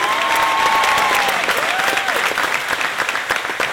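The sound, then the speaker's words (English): Loud, sustained applause from a large studio audience welcoming a contestant, steady clapping with a few whistles or cheers rising above it, continuing without pause throughout. “Ladies and gentlemen, please give a warm welcome”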